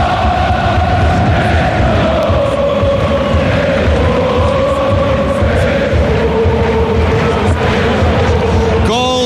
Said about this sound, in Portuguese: Grande, grande, grande ambiente. Escute, escute o ambiente no Cidre Stadium.